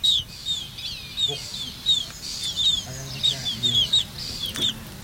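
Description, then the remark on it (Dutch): Black-tailed godwit chicks, being raised for research by the University of Groningen, call with a rapid series of thin, high peeps, repeated almost continuously over a low, rumbling background with some faint murmuring. “En zo klinken ze nu nog.”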